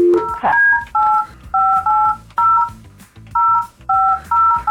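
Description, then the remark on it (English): A rapid series of telephone keypad dialing tones as a call is placed to a man, about ten short dual-pitch beeps in quick bursts with brief gaps, clear with no talking. “All right, let's get this man on the phone.”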